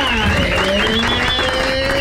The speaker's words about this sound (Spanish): Fuerte el aplauso y la gente que está escuchando también